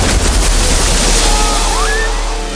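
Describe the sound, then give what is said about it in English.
A massive torrent of water erupts from a canal into the air in a loud, continuous rushing roar that stays full for a couple of seconds, with a brief rising whistle-like tone cutting through near the end. “A massive torrent of water erupts into the air.”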